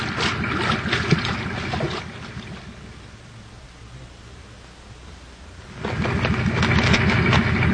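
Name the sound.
wading through water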